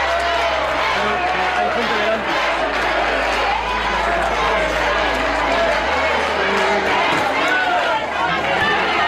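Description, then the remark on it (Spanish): A large crowd at the Festa do Marisco in O Grove roars steadily as it receives Pedro Sánchez, with dense applause, shouts of cheering including cries of "guapo", and some booing blending into one loud, continuous wall of noise. “Allí fue recibido con división de opiniones entre aplausos y gritos de guapo y también abucheos.”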